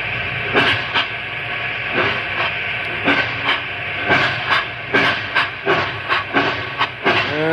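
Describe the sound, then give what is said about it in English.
A steam locomotive rolls downhill down a mountain with a constant hiss of steam, punctuated by a steady run of sharp clacking bursts from the wheels and rails, loud and alone with no voices. “A locomotive can outrun a horse any day.”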